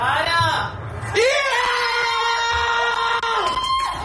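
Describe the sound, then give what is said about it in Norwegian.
A small group of people screams and whoops in excited celebration of the first goal in a football match, loud, with overlapping high-pitched yells, a brief dip, then a long sustained cry rising out of the noise. “Så dette her var jo da vår reaksjon da vi fikk inn første målet hvor Nusa skårte.”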